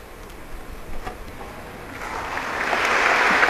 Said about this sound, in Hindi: और ये तालियां इस बात का परिचायक कि सैनिक ने राष्ट्र की सेवा की है।